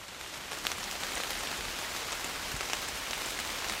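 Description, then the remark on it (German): Steady rain patters on the leaves of large beech trees by a pond in Hainich National Park, Germany, a dense, even hiss with scattered sharper drips, continuous throughout with no voices. “Dort angekommen hat es bereits zu regnen begonnen. Doch der Blätterwald bietet einen guten Regenschutz.”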